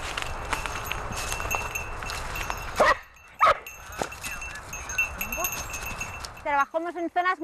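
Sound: dogs barking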